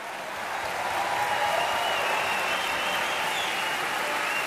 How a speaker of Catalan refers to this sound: I atenció ara, segurament a la primera gran ovació de la nit, per Cherubino.